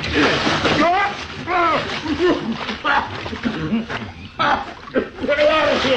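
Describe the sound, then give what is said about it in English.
Loud splashing and sloshing of water as a dirty man is dunked in a ranch water trough to make him take a bath, with yelling and sputtering voices mixed in throughout. “Maybe we ought to let him see the owner if he takes a bath first.”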